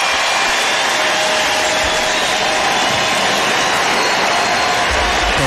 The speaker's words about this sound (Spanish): Empieza, se levanta y lo aplaude por ese gesto tan lindo de estar jugando béisbol en uno de los días más tristes de su vida.